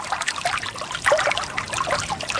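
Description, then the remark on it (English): Water trickles and burbles steadily in Morocco, a continuous bright splashing flow with small bubbling droplets, moderately loud, with no voices, recorded by sound engineer Felix Blum. “He's also recorded the sounds of water running in California, in Morocco, as we're hearing now, and close to Chernobyl in Ukraine.”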